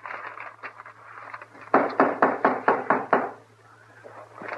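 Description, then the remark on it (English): A quick series of about seven firm knocks on a door in a steady rhythm, sharp, preceded by a few fainter taps, with a low steady hum underneath. “Like a body could open the door for theirself.”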